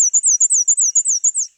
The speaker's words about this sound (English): After the morning rain ended, I poked my head out the door and immediately heard northern parulas. Black and white warblers,